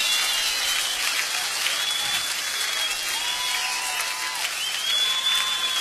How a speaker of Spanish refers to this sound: Todos arriba, en vivo, con esas palmas que se escuchen, porque se está grabando en vivo, está llegando a todo el país.